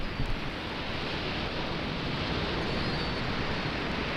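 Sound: ocean waves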